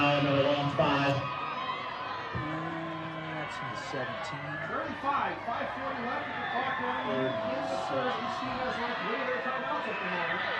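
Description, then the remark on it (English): A steady wash of noise from a big crowd at a night high school football game between the Comets and the Bears, late in the season, in beautiful weather with a little breeze. Many overlapping voices chatter and call out at once, with occasional louder shouts rising over the continuous murmur. “Big crowd here tonight.”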